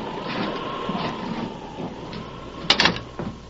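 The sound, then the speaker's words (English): An unlocked door is opened against a steady rumbling background of a storm, with a brief, sharp rattle of the latch near the end. No one speaks. “The door's unlocked. Come on.”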